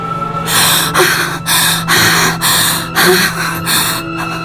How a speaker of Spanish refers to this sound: Se quedó inmóvil unos instantes, respirando profunda y agitadamente.